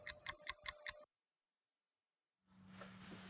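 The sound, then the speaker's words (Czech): A short clock-ticking jingle: five crisp, evenly spaced ticks over a steady sustained tone, lasting about a second, then silence before a low hum and soft hiss fade in. “Přesný čas vám přináší jen zbytečný stres.”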